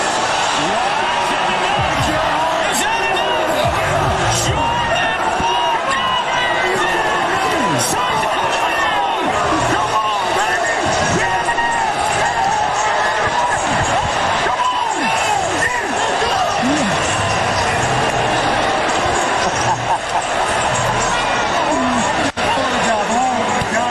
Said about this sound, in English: Look at Philly fans just booing. What was an incredible moment. Not for them, it wasn't. So a walk off the Derby is never a bad thing. It was made even better by the fact that Philly fan was booing the hell out of the guy the entire time